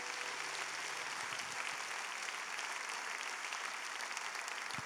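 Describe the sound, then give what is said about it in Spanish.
An audience applauds loudly for the Lord during a church worship service, a dense, steady wash of many hands clapping at once that holds for about five seconds without letting up, with no voices standing out. “¿Cuántos dan un fuerte aplauso al Señor?”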